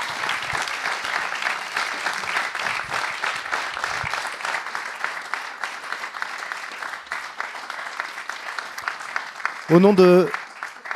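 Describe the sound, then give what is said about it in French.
An audience at the Barjac-Manchamp festival warmly applauds the festival's volunteers, a dense, steady wash of clapping sustained for about ten seconds, with a short loud vocal shout rising above it near the end. “c'est l'ensemble des bénéloves du festival Barjac-Manchamp, bien entendu, qu'on remercie et que le public applaudit chaleureusement, parce que oui, c'est grâce à vous qu'on peut venir et qu'on peut profiter des spectacles.”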